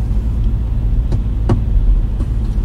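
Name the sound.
car driving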